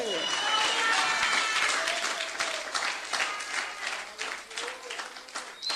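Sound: audience applauding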